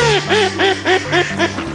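A duck quacks in a quick, steady series of about six nasal calls, loud, over a faint low hum.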